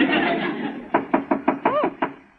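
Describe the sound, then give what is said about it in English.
Six quick, evenly spaced knocks rap on a door, fairly loud, following a brief wash of noisy background sound. “Jane, do you hear someone knocking? Yes. Yes, let's open the door.”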